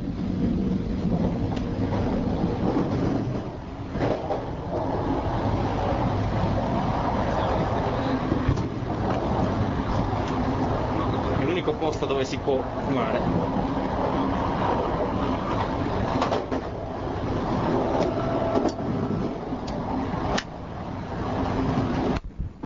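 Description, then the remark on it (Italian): A steady, loud low rumble of a moving train bound for Milan fills the whole recording at 8:10 pm, a constant mechanical drone with faint clicks and rattles, and a person speaks briefly over it. “Siamo sempre sul treno, sono le ore 20:10 e stiamo andando in zona fumatori.”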